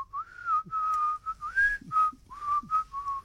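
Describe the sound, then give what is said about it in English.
A person whistles the whistling part of a song alone, a string of clear sustained tones rising and falling in pitch with brief gaps between notes, fairly loud. “I quite like the whistling part in the song.”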